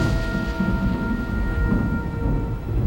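A continuous thunderstorm: deep, rolling thunder rumbles steadily under a hiss of falling rain, loud throughout, with faint sustained tones in the background and no talking.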